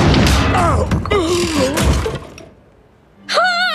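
A loud, heavy crash as a marble owl statue lands on a man's head, with breaking and clattering debris, overlaid with pained groans and gasps, then a brief lull before another high, wavering vocal cry.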